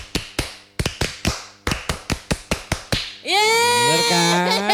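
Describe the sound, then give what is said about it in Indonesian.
A patterned burst of about a dozen sharp hand claps in quick, uneven groups, the scout clapping chant 'tepuk pramuka', followed by loud, sustained voices. “Tahu, tepuk pramuka.”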